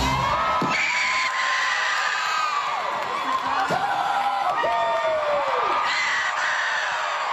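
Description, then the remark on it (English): A woman screams and cheers loudly and continuously for about seven seconds, her high voice swooping up and down in long excited cries, with other shouting voices blended in. “a screaming …, your host of the Pacific, for bringing that specific audio”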